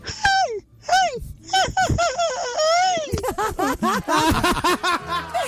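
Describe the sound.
A man imitates a famous singer's signature yell as his entry in a contest on Candela radio: a run of loud, high, wavering cries with sliding pitch, breaking into choppier, laugh-like vocal bursts toward the end.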